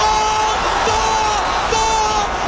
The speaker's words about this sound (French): Vous entendez les hurlements du stade. Le stade Aztèque a peut-être assisté à l'une des plus belles finales de Coupe du Monde.